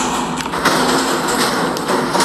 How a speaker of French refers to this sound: C'est mal isolé, on a un souci avec la trappe qui donne accès à l'éolienne, qui fait un boucan pas possible, donc je vais vous faire écouter. Le bruit quand il pleut.